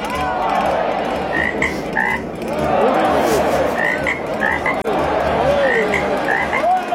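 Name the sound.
frog croaking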